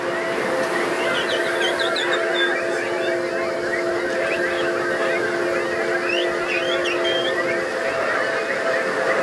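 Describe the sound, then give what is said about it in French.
Many people in an audience whistle, tweet and chirp at once, imitating birds on request, a dense, overlapping chorus of bird calls that carries on steadily throughout, over a low constant hum. “Est-ce que je pourrais entendre encore plus d'oiseaux?”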